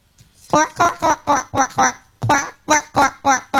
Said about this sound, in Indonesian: Bunyi anak-anak bebek yang telah menetas dari telur. Wah, suasana rumah mereka menjadi amat ramai.